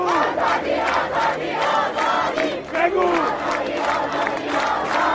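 A large street crowd chants the two-word slogan of women's freedom together in loud, rhythmic bursts of many shouting voices, the collective cry rising and falling steadily for several seconds.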